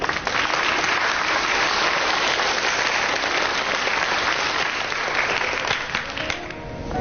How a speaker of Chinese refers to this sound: 在今天蒋志阳母亲莅临现场，让我们用掌声欢迎。